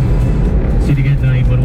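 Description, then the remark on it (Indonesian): Steady low rumble of smoothly flowing road traffic in Kepanjen under overcast skies with light drizzle, engines droning, vehicles moving past continuously, and muffled voices faintly mixed underneath. “pantauan lalu lintas lancar.”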